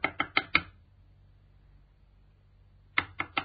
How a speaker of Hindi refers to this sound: सुनो जी, कोई दरवाजा खटखटा रहा है, देखो ना कौन है। हाँ, मैं देखती हूँ।